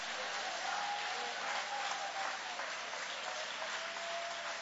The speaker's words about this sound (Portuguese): Aplaude a ele, adore a ele, glorifica o nome dele.